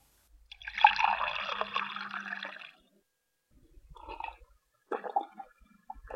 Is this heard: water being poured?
yes